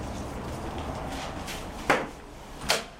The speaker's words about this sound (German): öffnet die Tür des Goethe-Instituts in Lissabon und läuft ein paar Treppenstufen hinunter.